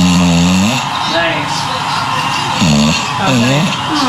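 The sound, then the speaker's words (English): An English bulldog named Smooch snores loudly in rough, rhythmic rumbles as it falls asleep on a person's foot, with a television playing voices steadily in the background underneath. “You recorded this animal because it snores.”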